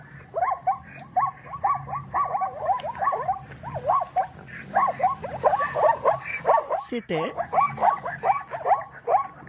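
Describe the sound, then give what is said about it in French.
A zebra's barking call, played as a guess-the-animal quiz sound: a rapid series of harsh, yelping honks repeating steadily for several seconds, loud, with a brief sharper squeal partway through. “C'est pas l'autre que monsieur madame Zebra.”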